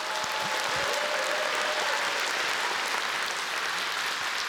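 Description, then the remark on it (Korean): Sustained audience applause after a performance of Korean traditional music (gugak) with orchestra, vocals and dance: a dense, steady wash of many hands clapping at an even loudness for several seconds, with faint crowd murmur underneath and no speech. “여러분께서도 같은 마음이시라면 그 감동을 따뜻한 박수로 함께 나눠주실까요?”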